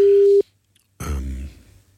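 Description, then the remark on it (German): A steady electronic ringing tone of an outgoing phone call beeps once, clear and fairly loud, then cuts off into silence before a louder, rougher rumbling sound takes over. “Wir rufen noch mal an.”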